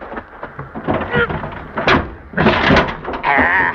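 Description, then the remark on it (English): A stuck baggage compartment door on a wrecked plane half buried in loose rock is yanked and forced open, with scraping, rattling bursts and a loud grinding jolt near the end, while voices grunt and strain. “In the baggage compartment. I go pull the door open.”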